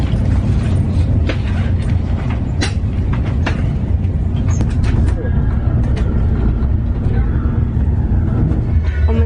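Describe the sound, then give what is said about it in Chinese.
Steady, loud low rumble from inside a moving, nearly empty passenger train, with occasional sharp clicks and rattles over the continuous roar of the carriage. “今天的火车特别空，全部都是空的，而且特别大位置，很难得。”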